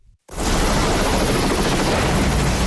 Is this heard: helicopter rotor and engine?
yes